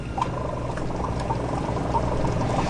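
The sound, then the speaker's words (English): An air pump connected by silicone tubes bubbles water steadily in a sea monkey water chamber, a continuous gurgling wash with small popping bubbles throughout and no voices. “Connect air pump to water chamber using silicone tubes.”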